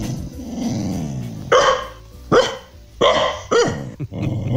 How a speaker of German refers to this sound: Hündin Carla bellt gleich einen Hit